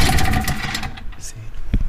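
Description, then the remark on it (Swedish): A small two-stroke Tunturi moped engine, started after opening the fuel tap and using the choke, sputters to life and runs with a buzzy, uneven rattle. It fades after a moment, then gives a short loud burst near the end. “Det är bara att öppna upp kranen. Sen fyller glaset och så har den en vanlig chok.”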